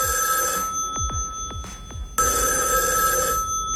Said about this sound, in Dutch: Nou, de telefoon die gaat hier volgens mij in de verte.